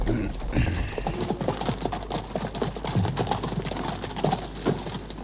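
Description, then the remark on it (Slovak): Horses' hooves clip-clop steadily, a dense run of overlapping hoofbeats that continues for several seconds over a low background rumble, suggesting more than one animal moving together. “Ostaňte tu. A strážte kone.”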